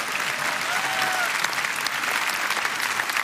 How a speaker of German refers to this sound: Und auf den Weg zum 40. deutschen evangelischen Kirchentag. Er findet statt, jawohl, Applaus an dieser Stelle.